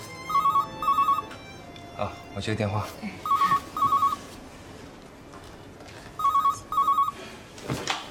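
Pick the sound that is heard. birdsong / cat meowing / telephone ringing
telephone ringing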